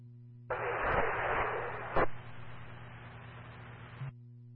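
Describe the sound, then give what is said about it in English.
A burst of harsh static over a radio transmission fills a narrow, tinny channel for a few seconds, with a sharp click midway and another as it cuts off, over a steady low hum. “Okay, Curry, your radio is all static.”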